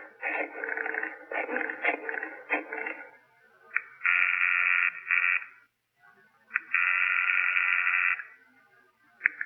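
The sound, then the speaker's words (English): Doc's telephone being dialed, a few seconds of busy clicking and tone bursts, followed by two long, steady ringing tones on the line with a short gap between them. No one speaks. “I asked if I could use his phone.”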